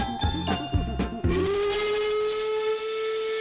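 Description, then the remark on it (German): A steam train whistle sounds with a few rhythmic chugging puffs, then settles into one long, loud, sustained whistle blast over a hissing background. Clear, with no voices. “Doch dann pfeift sie und sie bimmelt, rattert, knattert, dampft und faucht, ruckelt, zuckelt, klappert, plappert, bebt und bippert, rollt und raucht.”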